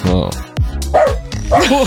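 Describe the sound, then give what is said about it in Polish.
A dog under a table barks several times in quick, uneven, loud bursts, with a voice or two mixed in around the barks. “Cicho tam pod stołem, proszę tego psa o spokój.”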